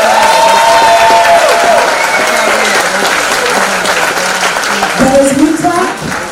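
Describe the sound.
At a graduation ceremony for 89 young people, a crowd claps steadily and loudly with whoops and cheers rising over the dense applause, a few shouting voices standing out near the end.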